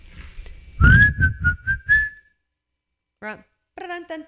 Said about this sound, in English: Whistling is emitting a clear, high-pitching sound by forcing breath through a small hole between one's lips or teeth, and has been used in movies, songs, and other art.